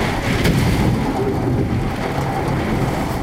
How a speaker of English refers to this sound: Sheets of rain were pounding the window like a fire hose. Wind gusts here topped 70 miles an hour. It almost sounded like there were waves lapping against the side of the building. I recorded a little bit of it.